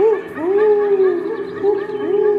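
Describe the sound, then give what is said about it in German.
A human voice imitating an owl call into a microphone at an Australian Polyglot Theater installation, looped into a soundtrack with live-made music: loud, sustained hooting tones that swoop up and settle, repeating in a few long swells over a steady humming drone. “Und als mein Eulenruf dann im Raum erschallt, da fühle ich mich für einen Moment sehr glücklich und hoffnungsvoll.”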